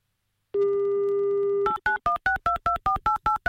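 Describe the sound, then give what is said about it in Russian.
On an Avtoradio broadcast, a steady telephone dial tone hums for about a second as a listener's number is called. It then cuts to a rapid run of about ten short touch-tone beeps as the number is dialed, clear with no talking. “Прямо сейчас создаем мы интимную такую тишину, и давайте прямо сейчас будем набирать его номер телефона.”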